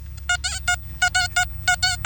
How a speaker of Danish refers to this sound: Må vi lige prøve at høre, nu har vi jo en af de mønter, der er blevet indleveret. Skal vi høre, hvordan noget guld faktisk lyder? Nu prøver vi lige at tage metaldetektoren over den.